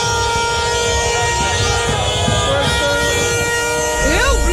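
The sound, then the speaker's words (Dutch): Many car horns blare at once in a busy street in the Netherlands as Moroccan Dutch people celebrate Morocco's penalty-shootout win, long overlapping toots held without a break, loud, with a crowd's noise rumbling underneath and a few rising whoops near the end. “Wij gaan gillen en zij gaan toeteren.”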